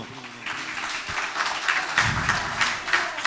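An audience breaks into applause for a guitarist who has just played a piece on acoustic guitar, after a brief quiet moment, many hands clapping in a dense, steady patter that stays fairly loud for a few seconds, with no talking.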